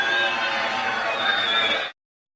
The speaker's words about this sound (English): Wow. Barely heard anything he said over that booing.